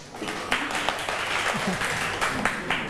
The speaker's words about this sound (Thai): ยำทะเลนะคะกลุ่มหนึ่งดีใจด้วยนะคะปรบมือเพื่อนเชิญค่ะ